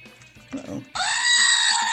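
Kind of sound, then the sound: animal, goat bleating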